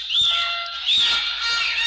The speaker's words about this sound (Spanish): Gritan, chiflan, hacen ruido. Las bubucetas se escuchan cada vez más fuerte.